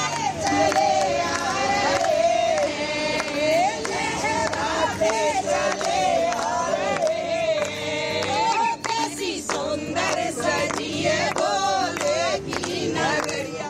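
A large crowd of thousands of devotees arriving in Jammu ahead of the annual Sri Amarnath Ji Yatra chants "Bam Bam Bhole" loudly and continuously, many voices rising and falling in overlapping shouts for the whole stretch without a break.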